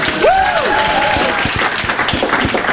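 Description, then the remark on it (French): An audience bursts into steady applause, a dense patter of many hands clapping at once, with a brief rising whistle-like tone sliding up and down near the start. “Donc je voudrais qu'on applaudisse tous René”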